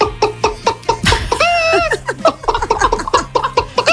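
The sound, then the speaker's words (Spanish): A person vocally imitates a hen as the first of a farmyard animal imitation repertoire, giving a quick series of choppy clucks with a drawn-out, wavering bawk in the middle, fairly loud. “A ver, esto no es una imitación, es digamos un repertorio de granja de 5 estrellas. Mira, empezamos por la gallina.”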